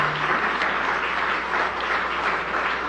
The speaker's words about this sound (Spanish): Ahora sí, un fuerte aplauso para todas ellas y ellos, por favor.